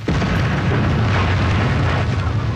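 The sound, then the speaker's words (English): A huge explosion detonated by the British army at the Loch Nagar crater site on the first day of the battle roars out, a loud, deep rumbling blast that stays at full strength with a sustained low-end boom and broad crackling noise, with no voices heard. “This is where, on the first day of the battle, the British army detonated a huge explosion.”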